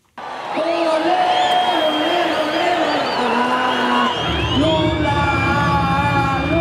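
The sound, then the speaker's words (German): A stadium crowd of nearly 40,000 supporters of President Lula cheers and shouts continuously at an election campaign kickoff rally in the Vila Euclides stadium, Brazil, with whoops and sustained chanting voices; a low rumbling swell of noise joins in partway through, and the roar stays loud throughout. “Die Anhänger von Präsident Lula tauchen das Stadion Vila Euclides in die Farben der brasilianischen Arbeiterpartei.”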